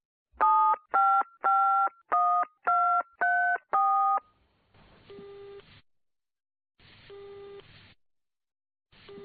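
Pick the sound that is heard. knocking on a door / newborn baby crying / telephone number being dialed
telephone number being dialed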